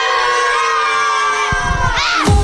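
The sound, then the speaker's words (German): A loud, sustained burst of schoolchildren cheering and shouting in a classroom in Munich, a dense crowd of high voices that swells and rises in pitch toward the end. “So klingt das schon die ganze Woche in den verschiedensten Klassenzimmern in München und der Region.”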